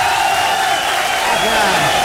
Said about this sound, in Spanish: Vamos a recibir con un aplauso, pero bien machina